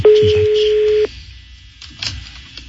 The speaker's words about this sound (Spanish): La uno al aire, por favor. Está sonando el teléfono de este ruco. Está sonando. Buenas tardes. Buenas tardes. No contesta.